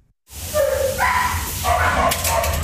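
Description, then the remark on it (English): Several dogs at an animal shelter bark and yelp over one another, a steady, fairly loud, reverberant chorus of overlapping calls with a low background hum and no pauses. “That means the dogs and cats they've taken in as foster pets go back to the shelter.”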